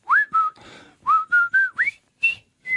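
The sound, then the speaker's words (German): A clear whistled tune of short, bright notes with upward slides, phrased in quick groups with brief pauses between them, and no voices. “Ja, das war doch das Pfeiflied schlechthin, oder?”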